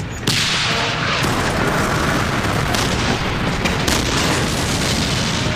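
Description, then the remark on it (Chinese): A dense, loud roar of a tank battle between German and Soviet forces at Verkhne-Kumsky fills the whole stretch, with heavy booming artillery fire and deep rumbling blasts running together, no voices heard. “我们被派去占领上库姆斯基，前进，前进，坦克战开始了，这是坦克之间的较量。”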